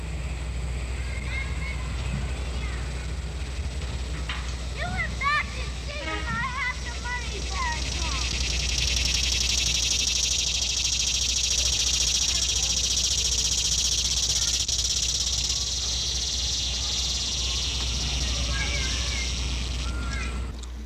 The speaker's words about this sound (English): In these insects, the abdomen, or hind part of the body, has developed into little more than a living drum. The shrilling of the cicada is loud and common in late summer. Here is a typical cicada now.